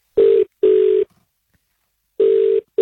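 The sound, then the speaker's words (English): A phone line rings as a call to a colleague goes out: a steady, mid-pitched electronic tone sounds in a double burst, pauses, then starts another pair. It is loud, with no voices. “As we call your colleagues”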